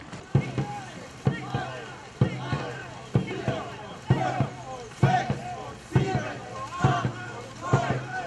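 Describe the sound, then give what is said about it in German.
Two racing rowing boats on a lake start a race at full power, pulling hard with sharp rhythmic splashes and thumps from oars striking the water about once a second, accompanied by shouted voices and a steady low hum. “Auf geht's, mit voller Kraft über die Strecke”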